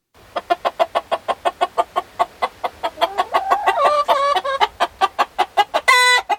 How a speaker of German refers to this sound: Die Hühner und die beiden Hähne stehen im Kreis und gackern aufeinander ein. Jeder hat eine Meinung, was als nächstes geschehen könnte.